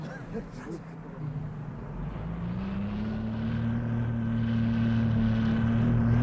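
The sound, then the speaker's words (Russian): A steady, low engine roar from cars speeding along a road toward the village of Maryevka, its pitch climbing gradually as they gain speed, a continuous rumble that grows slightly louder throughout with no voices. “Спустя 5 минут машины неслись по дороге к невидимой, но теперь не такой уж далекой Марьевке.”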